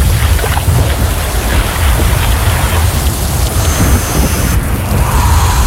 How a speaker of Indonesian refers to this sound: Heleh, hujan lagi. Mana gak bawa jas hujan.